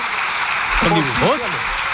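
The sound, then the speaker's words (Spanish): Steady, dense applause in parliament from the whole government except Margarita Robles, after the president's speech, a continuous crackling wash, with a single voice briefly rising over it in the middle. “Oye, se oían ahí bastantes aplausos al final de todo el gobierno, salvo de una persona.”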